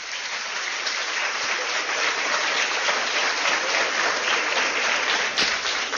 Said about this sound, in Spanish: Bueno, mi felicitación a todos. Y yo creo que todos deben darse un aplauso, 100 años.